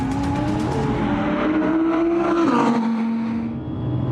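A high-revving naturally aspirated Audi sports car engine screams steadily down a circuit's straight at over 225 km/h, its pitch rising through a gear and shifting, loud with no voices over it.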